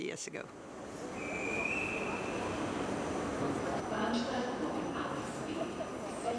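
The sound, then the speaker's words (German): Steady, busy ambience at a train station in Vienna, Austria, with a constant wash of noise, a brief high metallic squeal like train brakes early on, and indistinct background voices throughout. “Und wieder stehe ich in Wien am Bahnhof.”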